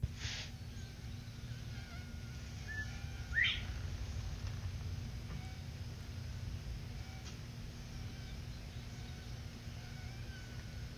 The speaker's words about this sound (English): And some insects buzzing.